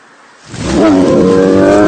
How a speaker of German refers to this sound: Ein Bär! Bleiben Sie ruhig. Bewegen Sie sich nicht. Er interessiert sich überhaupt nicht für uns.